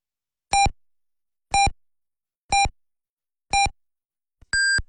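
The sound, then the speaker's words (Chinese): Binhai Arts Radio time-signal pips marking 21:00 Beijing time: four short, evenly spaced tones about a second apart, then a longer, higher final beep, clear and loud with silence between. “滨海文艺广播为您报时，北京时间21点整。”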